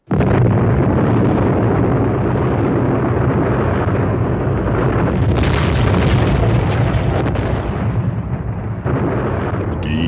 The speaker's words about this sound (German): Explosion peitschte durchs Universum mit der Kraft von Billionen von Megatonnen und löschte alle bekannten Lebensformen aus und ließ nichts zurück, nur Schweigen.